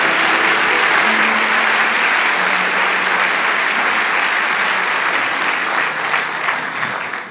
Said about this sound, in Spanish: Vamos a darle un aplauso y ya estamos terminando.